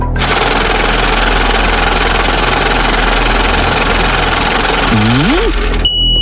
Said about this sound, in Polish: No, kierowniczko, odpalaj maszynę losującą.